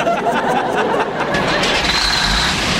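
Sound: truck engine starting up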